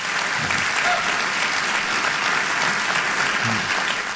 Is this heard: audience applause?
yes